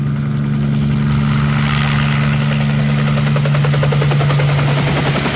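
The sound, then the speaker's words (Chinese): A helicopter roars as it flies away at high speed over a military camp, its rotor blades thumping in a fast, steady rhythm over a deep engine drone, loud and unbroken for the whole stretch, with no voices. “此时，直升机已经高速地飞离了军营的上空。”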